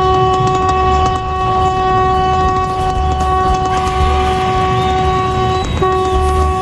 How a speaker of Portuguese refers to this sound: Que buzina feia essa, não? Que buzina feia, meu.